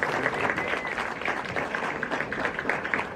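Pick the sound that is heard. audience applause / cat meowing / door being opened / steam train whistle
audience applause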